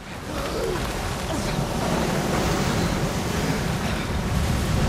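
A steady, loud roar of a fast-flowing river's rushing current fills the scene, a dense churning wash with some wind-like buffeting and no voices, holding constant throughout.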